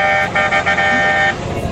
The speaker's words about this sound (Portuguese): Bora buzinar.